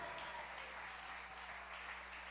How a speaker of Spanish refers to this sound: Si ese aplauso es para él, ¿qué tal?